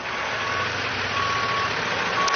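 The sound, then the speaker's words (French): A truck's backup alarm sounds loud, steady, drawn-out beeps at regular intervals over a constant rumbling engine as the driver hurries to move the truck out of the way, a queue of traffic forming behind it. No one talks. “Il coupe la conversation car il doit vite dégager son camion, derrière lequel se forme déjà une file d'attente.”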